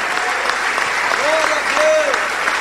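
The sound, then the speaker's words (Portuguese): A crowd applauds the Lord Jesus as people come forward, a dense, continuous patter of many hands clapping, with faint voices and brief sustained vocal tones rising above the clapping. “Vamos aplaudir o Senhor Jesus por cada vida que está chegando.”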